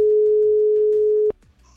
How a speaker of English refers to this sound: Let's give somebody a phone call, shall we? See if they are there.